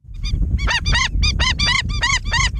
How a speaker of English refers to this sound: the sound of the Indian skimmer. We'll hear about a conservationist who's won an award for her efforts to protect the population of the black and white water birds.